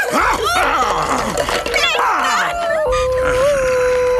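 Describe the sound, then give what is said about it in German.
A small dog, Toto, yaps in quick, high-pitched bursts, then breaks into a drawn-out, wavering whimper. The sound is loud, and there is a busy background throughout. “Untersteh dich meinem Hund etwas zu tun, dass du dich nicht schämst, auf ihn loszugehen, wo er doch, genau wie die anderen beiden, viel kleiner und schwächer ist als du.”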